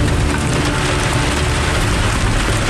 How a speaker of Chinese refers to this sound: 今天这个雨有点太大了，估计这个还打雷，这样的话上山，如果往山梁上爬就有点危险了。